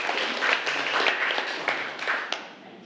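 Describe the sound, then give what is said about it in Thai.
A small group claps in thanks for the day's teaching materials, a dense, steady burst of applause lasting a few seconds, then tapering off toward the end. “เป็นไงปรบมือขอบคุณสื่อดีๆสำหรับวันนี้นะคะ”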